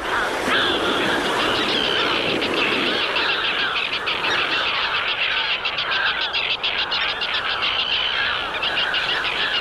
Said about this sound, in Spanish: Y la otra es el charrán común